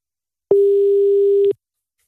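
One steady, one-second electronic ringing tone of an outgoing phone call, clear, starting and stopping abruptly, with silence before and after and no one talking.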